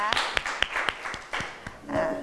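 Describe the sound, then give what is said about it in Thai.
A small group of students in a class claps for about two seconds for group 1, the first group to present: a loose run of sharp, fairly loud slaps at an uneven, quick rhythm, with faint voices murmuring underneath. “กลุ่มแรกที่จะนำเสนอเลยนะคะเรียงลำดับจาก1ถึง5ก็คือกลุ่มที่1นั่นเองเอาปรบมือดังๆให้กลุ่มที่1ก่อนนะคะ”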